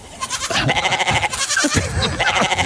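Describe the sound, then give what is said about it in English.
A goat bleats loudly and repeatedly, its wavering, nasal cries following one another with almost no pause over a few seconds, clear with no talking. “we love goat stories”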